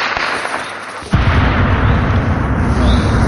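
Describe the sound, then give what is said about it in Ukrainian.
Sudden heavy gunfire aimed at drones over Kherson, Ukraine, erupts about a second in and keeps going as a dense, loud, rumbling barrage of rapid shots over steady background noise, with no one speaking. “Херсонців просять ховатися, щойно чують стрілянину, щоб залишки дронів не упали на них.”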